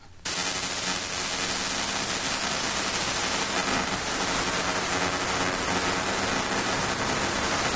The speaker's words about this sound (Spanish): No, no, no es ninguna interferencia. Esto que habéis escuchado, que dices, uy, mi radio va mal. No, tu radio no va mal. Esto es lo que se llama L-band aero radar. Es un radar primario, radar de vigilancia primaria. Es un sensor de radar convencional